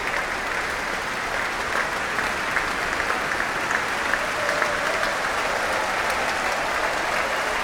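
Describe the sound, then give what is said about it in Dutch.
Sustained applause from a large audience and the musicians of the Concertgebouw Orchestra for conductor Klaus Mäkelä, filling a concert hall, a dense, steady wash of clapping hands at even loudness throughout, with no voices standing out. “Groot applaus ook van de muzici van het orkest.”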